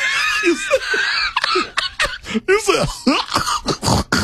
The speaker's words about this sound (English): Play the hiccup, and I want you to listen to the twang. This is the first hiccup with twang. Play that.